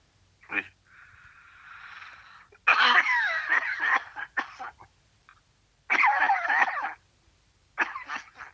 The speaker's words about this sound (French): T'as une sacrée toux, hein? Il faut que tu te soignes.